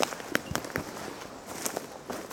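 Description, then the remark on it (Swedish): Footsteps crunch and crackle over dry ground outdoors in the morning sun, a few walking steps with a handful of crisp, brittle snaps at an uneven pace, soft overall, with no voices. “Det är torrt, man hör att det är torrt. Det knastrar.”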